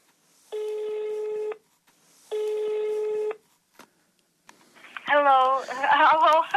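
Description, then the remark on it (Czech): Two long, steady ringback tones sound through a telephone line as a landline call is placed to a small village near Oxford in Great Britain, each tone about a second with a pause between, before a voice answers and starts speaking. “V mailu píše, ať zkusíme pevnou linku, poněvadž bydlí, cituji, v malé výsce u Oxfordu a máme tu nulový mobilový signál.”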